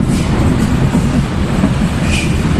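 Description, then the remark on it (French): The last subway train of the night, at 1 a.m., rumbles steadily as it pulls away from Jungfernheide station in western Berlin, Germany: a loud, continuous low roar with rail noise and a brief higher squeal, no voices. “1h du matin, le dernier métro vient de quitter la station de Jungfernheide à l'ouest de Berlin.”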